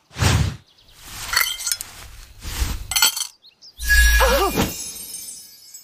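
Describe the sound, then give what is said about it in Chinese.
Coins clink into a metal foot-washing basin, presented as a treasure bowl, in a few sharp, bright bursts, ending in a louder ringing clatter whose tone wobbles as it fades; two more coins than expected appear. No one speaks. “哎呦，硬币真多了2枚。”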